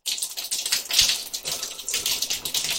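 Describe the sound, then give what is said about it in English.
Water from a shower sprays and patters steadily into a container during an experiment, collecting about 100 milliliters; a continuous hiss with uneven splashing bursts throughout. No one speaks. “Now you're just dripping everywhere. Arlo was been in the shower. We've got 100 milliliters”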